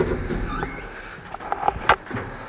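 The door of hotel room 222 in a château being opened: a few soft mechanical clicks and a sharper latch-like snap, then a quiet shuffle against a low background hum.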